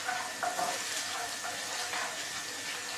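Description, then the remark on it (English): Spices frying in hot oil give a steady, continuous crackling sizzle, a bright hiss that holds at an even level for the full few seconds with no talking over it. “You put everything in the oil.”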